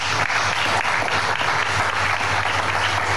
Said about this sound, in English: I really commend highly the Economic Zones Chamber and its partners for bringing us together today. Let's clap for them.